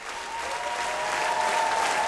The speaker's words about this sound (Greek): Γενικά μου αρέσει να αφήνω τα παλαμάκια σε κάτι τέτοιο, να ξέρετε, έτσι.